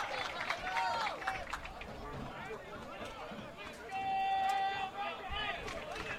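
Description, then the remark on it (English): A stadium crowd at Dick Dolesk during a West Virginia versus Akron football game keeps up a steady, dense roar of chatter and cheering, swelling louder midway, with shrill whistle-like tones and yells cutting through the din. “Good crowd here on deck at Dick Dolesk.”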